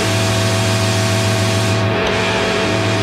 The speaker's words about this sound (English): Hold on, I'm just trying to get my dial up to connect. Sounds pretty good. Yeah. It's like my first touch tone phone.